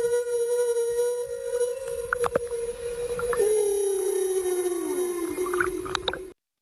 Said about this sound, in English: And how about this, the sounds of whales?